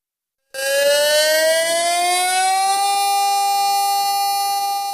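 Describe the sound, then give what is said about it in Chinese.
An air raid siren sounds across the city's primary and secondary schools in Siping, Jilin. It starts abruptly after a brief silence and wails loudly and continuously, its harmonic-rich tone climbing slowly in pitch and then holding steady, with no voices. “在吉林四平，全市中小学防空警报响起，当地军分区官兵和老兵一起走进校园，开展系列国防教育活动。”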